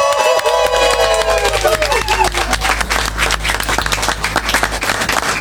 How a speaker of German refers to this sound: Ein großer Applaus zum Abschied für den Nachrichtenredakteur.